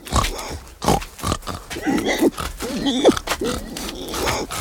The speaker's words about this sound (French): Le mari est en train de donner à manger au cochon. Ça vous amuse de jeter un coup d'œil? Juste 3 porcs. Mais ils font du bruit comme 10.